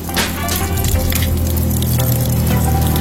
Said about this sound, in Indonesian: Loh, kok becek sih? Astaga Dewo, Dewo, kenapa tidak matikan keran air?